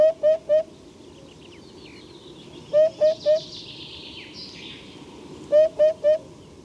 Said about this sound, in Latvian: Bet runājot par pupuķu dziesmu, šis ir viens no tiem gadījumiem, kad putnam nosaukums ir dots par godu viņa balsī. Tātad pupuķa dziesma ir pupināšana.